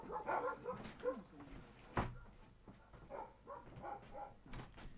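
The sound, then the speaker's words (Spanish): Two agitated pet dogs, Ruby and Rocky, barking at someone in short repeated bursts, moderately loud, with a few sharp impacts mixed in and faint voices in the background. “A ver si escuchan los ladridos.”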